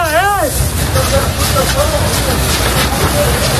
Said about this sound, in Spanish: Pues ahí podemos escuchar a los equipos de la Unidad Militar de Emergencias peleando casa por casa, defendiendo, trabajando sin descanso para proteger a la población y a las viviendas.